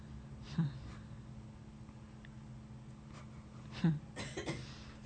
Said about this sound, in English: who coughed?